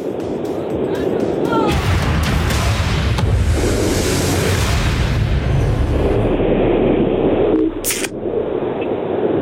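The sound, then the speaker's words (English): A drink can, the fourth in a series, cracks open with a sharp pop and brief fizzing hiss near the end, loud, over a dense, rumbling background with voices underneath. “Let's go for can okay. number four.”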